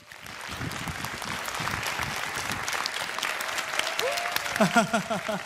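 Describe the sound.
A room full of people applauds steadily for several seconds, a dense, even clatter of clapping, and a voice begins to speak over it near the end.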